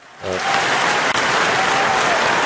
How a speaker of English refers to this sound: Maybe it wasn't. Maybe they weren't loud enough. But anyhow, maybe if we have louder applauses, okay.